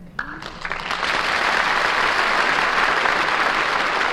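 Applause from a large audience swells up within the first second and continues as a steady, dense, loud wash of clapping, with no talking over it.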